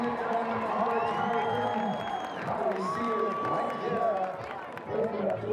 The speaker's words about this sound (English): Ah, he's pushing it now. They're all cheering him on today. It's a fantastic atmosphere around any Red Bull soapbox event. It's been brilliant here today.